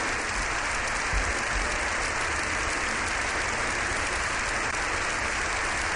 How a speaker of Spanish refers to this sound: un Congreso donde había diputados, senadores, le han ovacionado mucho, más de 7 minutos de aplausos con todos en pie.